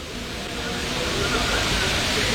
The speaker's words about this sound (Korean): 잠시 이 서울 홍제천의 인공폭포로 가겠습니다.